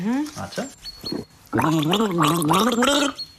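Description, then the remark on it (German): Someone gargles water while humming a song melody for another person to guess in a game, the bubbling voice rising and falling in pitch through a few short bursts and then a longer, steady melodic stretch. “Also ich gurgel dir einen Song und du musst erkennen, welcher es ist.”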